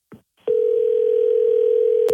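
telephone dial tone

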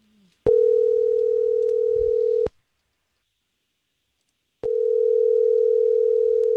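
outgoing phone call ringing

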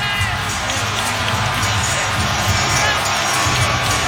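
arena crowd cheering

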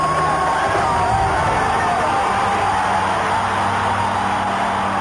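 stadium crowd cheering

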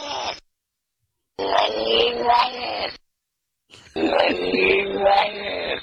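cat sound played backwards

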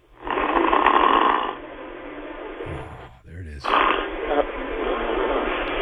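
man snoring

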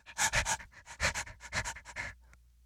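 dog panting and sniffing

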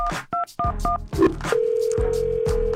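telephone dialing and ringing

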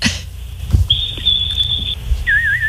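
person whistling

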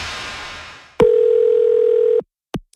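telephone dial tone

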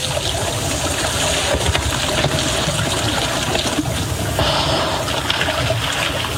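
elephants splashing

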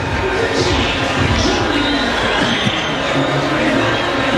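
stadium crowd cheering

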